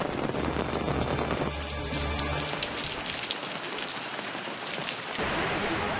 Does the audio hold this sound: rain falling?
yes